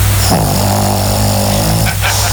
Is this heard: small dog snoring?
yes